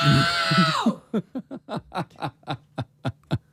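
A very loud, strained human shout of "No!", measured at 114 decibels in a contest to shout loudest, bursts out for just under a second with falling pitch, followed by a quick run of about ten short, rhythmic chuckles.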